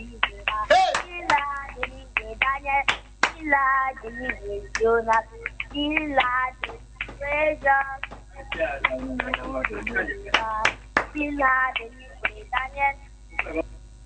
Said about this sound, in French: Voilà, tu bats tes mains en louange, non?